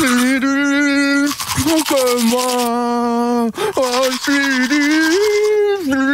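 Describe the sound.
Someone brushes their teeth with a manual toothbrush, the scratchy scrubbing strokes running beneath a loud, sustained humming or singing voice.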